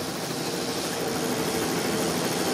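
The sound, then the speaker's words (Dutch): A motorcycle engine drones steadily for the whole stretch, its roar mixed with a rushing hiss like wind, loud, with no talking; the motorcycle rides behind the peloton of a cycling race on the road toward the Ballon d'Alsace. “op de motor”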